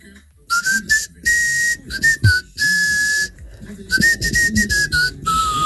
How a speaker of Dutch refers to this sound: Je hebt een iets andere fluit dan de andere.